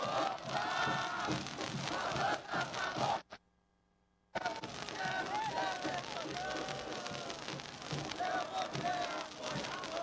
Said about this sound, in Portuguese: A torcida faz uma festa absurda no portão. Está encostando agora o ônibus do Grêmio no estacionamento. Ouve a cantoria aí.